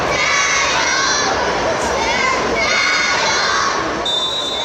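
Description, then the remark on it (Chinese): Spectators filling the stands at an evening robot football match in the Ice Ribbon arena cheer loudly and without pause as a team's small robot steals the ball, many high, youthful voices shouting over a dense roar that likely includes clapping, with a thin, steady high tone entering near the end. “双方机器人激烈拼抢，辅学队的小机器人几次灵巧绕后成功断球，看台爆发出掌声和欢呼。”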